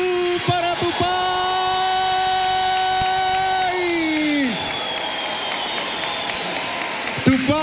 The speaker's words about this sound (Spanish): El gimnasio del Gran Festival Folclórico en la Patagonia 2024 se coloca de pie para homenajear a Tupá con el gran cariño, aplauso y el gran reconocimiento mayor que es... ¡El Ñandú!